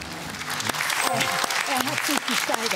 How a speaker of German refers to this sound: Er hat sich gesteigert. Applaus.